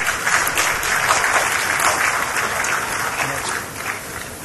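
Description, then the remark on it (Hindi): Sustained applause from a large audience at the National Handloom Awards 2025, welcoming a weaving-category award winner from Tamil Nadu, a dense steady patter of clapping that holds at an even level throughout before easing slightly near the end, with no voices standing out. “जोरदार तालियों से स्वागत कीजिए बुनाई वर्ग के लिए ही तमिलनाडु राज्य से आए”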